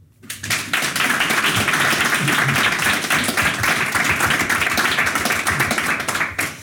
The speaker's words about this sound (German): Der Applaus gilt natürlich nicht nur für mich und nicht nur für Sie, sondern auch für meine Gäste, die hier gerade neben mir sitzen.